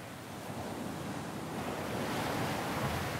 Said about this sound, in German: Der Wind weht an diesem Teil der lettischen Ostsee oft heftig. Und so kann der Frühsommer hier noch ganz schön frisch sein.